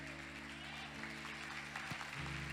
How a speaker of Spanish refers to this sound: No hay muchos aplaudiendo. No, como que no lo entendieron.